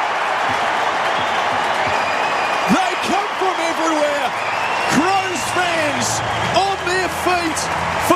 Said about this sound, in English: Time they celebrate and cheer on their hero. What a moment at Adelaide Oval.